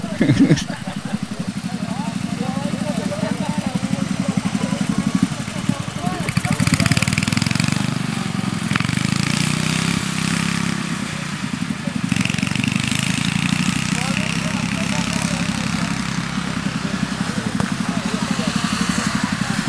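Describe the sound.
A ride-on lawn tractor engine runs steadily and loudly, a constant low mechanical drone that swells slightly midway, with people talking over it.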